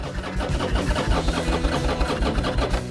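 An engine turning over as it is started after fuel is added and the fuel tap opened, a loud, steady mechanical churning with a fast, even pulsing rhythm and a low rumble that continues for the whole clip, with no voices.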